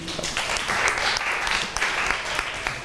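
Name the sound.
classroom applause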